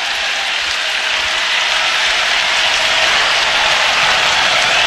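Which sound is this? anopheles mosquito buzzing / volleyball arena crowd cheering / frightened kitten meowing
volleyball arena crowd cheering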